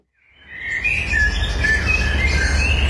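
Blackbirds, chaffinches and carrion crows chirp and sing at once in a steady outdoor chorus at evening dusk near Trun, with bright overlapping calls over a low background rumble, fading in at the start.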